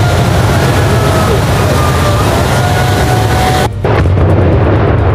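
A 50 kg dynamite blast brings down a reinforced-concrete mine shaft tower over 70 metres tall and weighing 7,000 tonnes, at the former Jas-Mos mine in Jastrzębie-Zdrój, Poland. It makes a loud, sustained rumbling roar that dips briefly near the end before the heavy crackling rumble of collapse continues.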